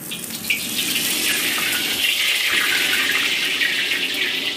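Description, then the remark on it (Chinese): Steady running water from a tap splashes continuously as blanched beef tripe is rinsed under the stream, with a bright, hissing texture and slight fluctuations. Fairly loud, no voices. “焯水洗净，牛肚崩变得卷曲富有弹性，呈现出乳白如玉的色泽。”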